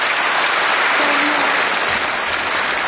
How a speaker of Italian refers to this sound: Ecco, noi adesso, come sentite, questo applauso, questo atteso annuncio da parte della Presidente della Commissione Europea Ursula von der Leyen davanti all'Europarlamento durante questo lungo discorso sullo Stato dell'Unione Europea,